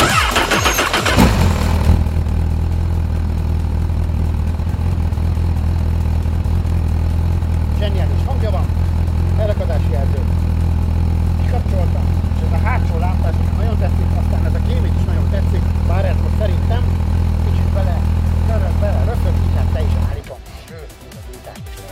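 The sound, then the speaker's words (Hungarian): A Honda Hornet SP 1000 motorcycle engine cranks and fires up, then settles into a steady, throbbing idle for about eighteen seconds before cutting off abruptly. “Adjunk rá, hát azt a gyújtást már ne hiszen, azt már adtunk rá, de hogy akkor újítsuk el szépen ezt a motor kerékpárt, meg ezt söpentjük be.”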